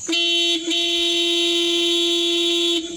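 A loud, sustained horn honk blares for nearly three seconds, a steady mid-pitched tone rich in bright harmonics, with only a brief dip near the start and no voices.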